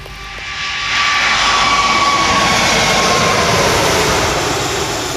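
An Emirates Airbus A380 jet airliner arrives, its engine noise swelling within the first second into a loud, steady rush with a thin high whine running through it.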